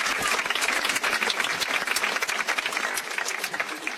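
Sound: audience applause at concert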